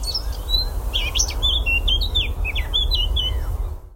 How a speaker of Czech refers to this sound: No tak to je co toto? No, tak to nemůže být nic jiného než zpěv pěnice černohlavé, jednoho z nejzdatnějších zpěváků v naší krajiny, zároveň jednoho z nejběžnějších našich ptáků